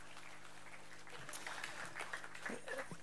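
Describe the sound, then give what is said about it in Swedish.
An audience applauds in a steady, dense patter of many hands that swells a little in the second half, with a few faint voices mixed into the clapping. “Nu brukar jag få en applåd.”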